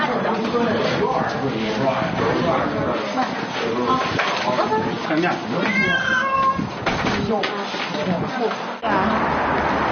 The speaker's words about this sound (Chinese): 从早到晚忙活了将近一天，几十只猫被悉数装好，准备送往新家。